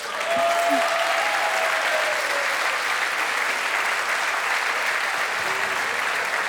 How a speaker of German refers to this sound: Das ist dein Applaus.